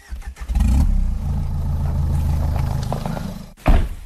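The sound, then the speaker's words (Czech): A car carrying a shot wild boar drives out of a forest, its engine rumbling steadily with some rattling and clatter, ending in a short louder jolt. No one speaks. “Musíme ho dostat do auta a z lesa ven.”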